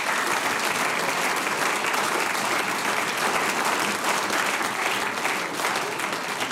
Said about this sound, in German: Großer Applaus